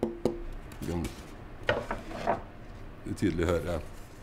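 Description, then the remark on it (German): A handful of sharp knocks on a piece of tonewood, spaced irregularly, each with a brief hollow, resonant ring that fades quickly. “Alles klingt unterschiedlich, wenn man dagegen klopft. Diese hier klingt so.”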